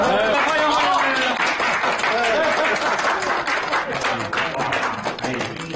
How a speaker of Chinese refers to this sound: 新郎新娘到。哎呀 我是得鼓鼓掌。